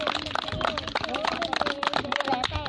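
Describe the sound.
A group claps hands for a child at a programme, in a fast, dense, steady patter that runs the whole time, with voices chattering underneath the applause.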